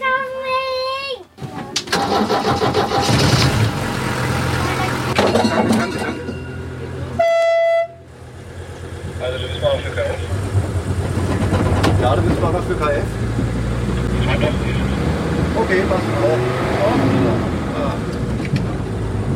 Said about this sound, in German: Also wir fahren jetzt mit dem Schienenbus, der aussieht wie ein Hund. Das Ding scheint sich zu fahren wie ein ganz normales Auto. Der hat da vorne Schalthebel, Pedale.